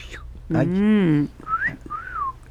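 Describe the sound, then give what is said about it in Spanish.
A short vocal sound is followed by a two-part wolf whistle, a rising swoop then a falling one, whistled by a person imitating a parrot's catcall at a neighbor. “Y entonces el vecino volteaba, porque el perico, en lugar de otra cosa, le silbaba.”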